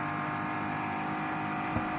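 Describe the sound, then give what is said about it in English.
A Komoda racing car engine roars steadily and loudly as it accelerates out of a slow zone, with a buzzing, harmonic whine throughout and a brief sharp click just before the end; no voices. “Is that the Komoda? Yeah, the Komoda racing car.”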